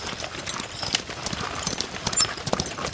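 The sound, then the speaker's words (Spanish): Horse hooves clip-clop in a quick, steady rhythm, moderately loud, as a traveler in a hurry rides past on horseback over hard ground, with a faint background hiss. “¡Ahí viene un viajero! Parece tener prisa.”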